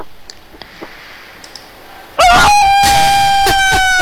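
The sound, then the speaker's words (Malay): After a couple of seconds of quiet, a rooster suddenly crows loudly, one long, harmonically rich call that holds steady to the end. “tak ada suara koko ayam tadi, jadi saya bingung lah.”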